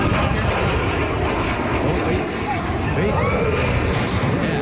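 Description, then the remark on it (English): A Blue Angels jet aircraft roars past low over the water at a beach, a loud, steady, rushing blast of engine noise that fills the whole clip without letting up, with a faint murmur of crowd voices underneath. “this is what it sounded like when the Blue Angels came in”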